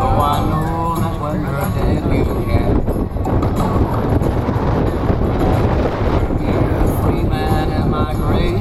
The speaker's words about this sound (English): It's so windy.